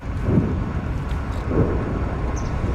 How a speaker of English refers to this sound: Distant explosions rumble through the air just south of Moscow following one of Ukraine's largest drone attacks of the war.